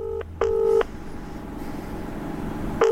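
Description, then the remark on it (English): An outgoing phone call's ringing tone sounds in a double burst, two short electronic tones, then a long pause before the next cycle begins. It is clear and steady, with no voices. “It's still ringing.”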